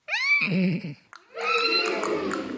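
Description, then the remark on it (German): A human voice imitates a horse's whinny, starting with a high, wavering squeal that drops into a lower fluttering nicker, then a second, longer shaky whinny follows after a short pause. “Wir werden hier gleich mal oder jetzt sofort ein Pferd durch das Klassenzimmer traben lassen oder das mal wiehern lassen.”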